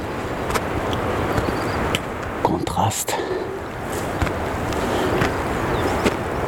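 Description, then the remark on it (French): A waterfall on the trail of the Étangs de la Gardelle roars steadily throughout, a dense, unbroken wash of hiss and rumble with a few brief clicks, while a voice briefly speaks over it. “La cascade. Ce bruit de fond incessant.”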